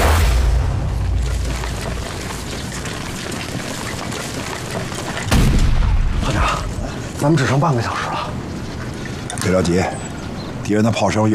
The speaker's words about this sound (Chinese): 别着急，敌人的炮声越来越清晰了，说明咱们离他们的重炮阵地越来越近了。 刚才咱们还能看见鬼子的炮烟，现在只能听到炮响，炮烟也看不见了。